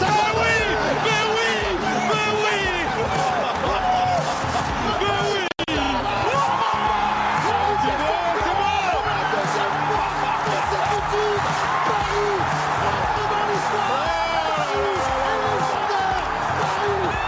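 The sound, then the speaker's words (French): A large stadium crowd shouts and cheers continuously, a loud dense roar with overlapping voices, whistles and chanting, broken by a brief dropout about five and a half seconds in. “Je ne sais pas si vous avez reconnu … parmi tous ces cris, mais qu'est-ce qui se passe là?”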